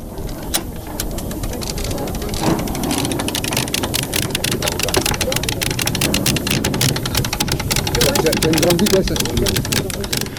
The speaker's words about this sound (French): on est en train de wincher, c'est-à-dire de tirer sur une drisse pour tendre une voile